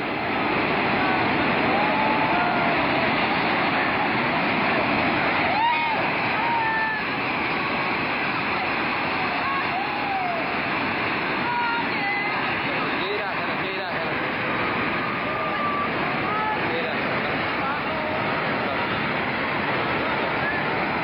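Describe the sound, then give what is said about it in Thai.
A loud, steady roar of rushing flash-flood water from a valley along the Budhi Gandaki River, sweeping away a group of buildings, fills the whole stretch without letup, with faint voices occasionally surfacing beneath the churning torrent. “จะเห็นว่ามาจากหุบเขาแล้วพัดเอาอาคารทั้งกลุ่มหายไปกับสายน้ำเนี่ยดูเถอะโอ้โห”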